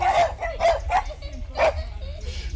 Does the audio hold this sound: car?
no